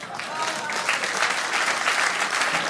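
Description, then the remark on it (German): Steady audience applause, a dense wash of many hands clapping at once, sustained and fairly loud for a few seconds without any voices standing out. “Klatschen, danke.”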